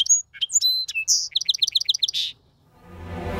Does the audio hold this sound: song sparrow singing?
yes